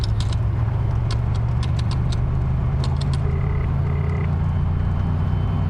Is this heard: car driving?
yes